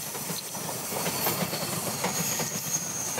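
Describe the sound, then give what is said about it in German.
A well-occupied passenger train travelling from Taipei toward Houdong rolls steadily along the rails, a continuous low rumble with faint rhythmic clatter and a thin high hiss, heard from inside at moderate volume with no voices. “Doch der Zug ist immer noch gut besetzt.”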